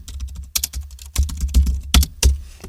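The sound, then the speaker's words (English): Rapid keystrokes on a computer keyboard typing the words "Hello, beautiful", an irregular run of sharp clicks with a few louder thuds, clear with no voices. “See if you can work out what I'm typing.”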